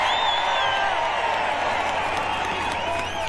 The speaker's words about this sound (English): Cue the round of applause.